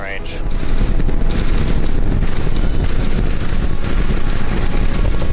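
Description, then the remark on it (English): A massive SpaceX Starship rocket's engine roar, with 33 of 33 engines lit, as it blasts off from Starbase in Texas on its 14th test flight; the roar surges in after a brief moment and holds steady, a loud, dense rumble with crackling, wind-like distortion filling the whole clip. “The massive rocket blasted off from SpaceX Starbase in Texas on an ambitious 14th test flight.”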